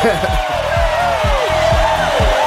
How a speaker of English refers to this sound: A bit of crowd cheering, right?